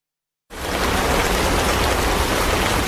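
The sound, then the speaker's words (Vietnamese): After a brief silence, heavy mid-August monsoon rain starts abruptly and pours down steadily on construction sites of boarding schools in the border area of Gia Lai province, Vietnam, a dense, loud hiss of drops drumming on surfaces, with no voices. “Giữa tháng 8, những trận mưa mùa liên tục đổ xuống các công trường xây dựng, trường nội trú liên cấp khu vực biên giới tỉnh Gia Lai.”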